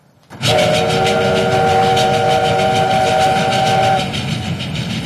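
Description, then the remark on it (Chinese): A train rumbles loudly as it arrives at Harbin railway station on a cold day, its steady whistle sounding for about three and a half seconds over the clatter of the cars before cutting off while the rumbling rolls on. “列车就快要到达哈尔滨站了”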